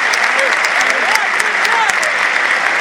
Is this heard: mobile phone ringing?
no